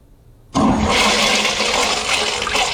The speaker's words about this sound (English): Is that the flush sound? Is that what you wanted?